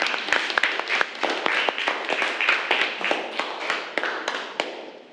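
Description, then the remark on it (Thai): Students in a classroom clap together to encourage a classmate, a steady burst of overlapping hand claps, fairly loud and continuous, with sharp individual slaps standing out, then fading off at the end. “เดี๋ยวขอปรบมือให้กำลังใจเพื่อนหน่อยนะคะ”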